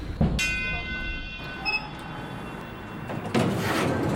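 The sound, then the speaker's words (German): Busy station ambience at Anhalter Bahnhof station, with a steady rumbling hum, a clanking burst near the start, a brief bright chime, and a sliding door whooshing open toward the end. “Anhalter Bahnhof. Ein paar Wochen sind vergangen. Tommy wartet hier wieder auf Helle.”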